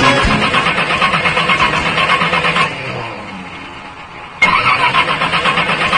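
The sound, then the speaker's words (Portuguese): A car engine is cranked with a loud, rhythmic churning that fades into a quieter, sputtering lull before abruptly roaring back into the same pulsing turnover. No one speaks. “Pega!”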